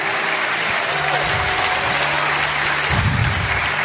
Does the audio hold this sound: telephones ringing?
no